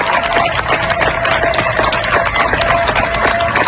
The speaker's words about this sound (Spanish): Estos aplausos que escuchas son de los vecinos de Niebla, en Huelva, para despedir a los miembros de la UME que han trabajado durante días para lograr controlar el fuego que ha afectado a más de 33.000 hectáreas.